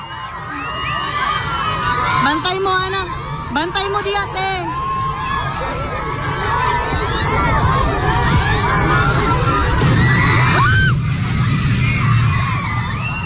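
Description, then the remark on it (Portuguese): A sharp crack and a heavy crash as a shed's shade cover collapses right beside children, amid a loud, chaotic crowd of children screaming, shouting and running in all directions, with high shrieks rising and falling throughout. “Isso aí, esse estalo, seguido de um estrondo, foi esse... Essa cobertura.”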